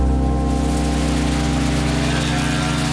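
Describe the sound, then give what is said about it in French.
Steady rain hisses continuously without pause over Fuchu, a quiet district in western Tokyo, Japan, on 10 December 1968, accompanied by a low, droning hum like an engine running underneath. “Le 10 décembre 1968, il pleut sur Fuchu, un quartier tranquille de l'ouest de Tokyo.”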